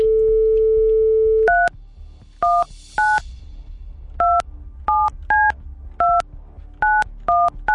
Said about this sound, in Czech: Tak já už jsem se to naučil vytáčet prostředníčkem.